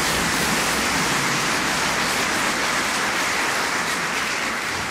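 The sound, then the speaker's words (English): Steady, dense applause from an audience after a live piano performance by pianist a pianist of his 2025 work a piece, a continuous crackling roar of many hands clapping at an even loudness throughout, with no voices heard over it. “I really should have waited for that applause, shouldn't I?”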